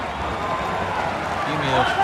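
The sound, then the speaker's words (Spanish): Light, scattered applause from a stadium crowd in Texas as the Argentina and Honduras national teams take the field, a steady wash of clapping and murmur, with a man's voice talking over it toward the end. “Tímidos aplausos.”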